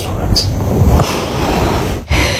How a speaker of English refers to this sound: Oh, it goes on. Yep. That's the gasping. Stop snoring. You're snoring so loud.